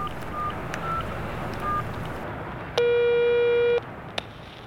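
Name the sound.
telephone ringback tone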